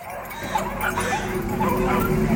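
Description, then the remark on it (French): Several dogs at a neighbouring property bark and yip continuously, overlapping in a dense, restless chorus with a few whimpers, steady in loudness throughout. “Et ces satanés aboiements qui n'arrêtent jamais.”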